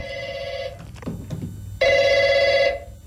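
A telephone rings in two loud electronic bursts, each under a second long and separated by a short pause filled with faint low background noise.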